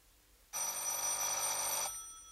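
A single loud ring of a telephone bell in a corridor, a harsh metallic jangle lasting just over a second before cutting off abruptly, with no one speaking.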